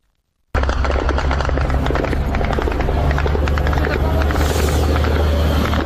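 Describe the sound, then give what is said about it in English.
Ukrainian military drones flying over Russia, a loud, steady, continuous engine drone, with rapid crackling bursts and impacts scattered throughout as they strike targets. “The sound of Ukrainian drones as they hit targets in Russia.”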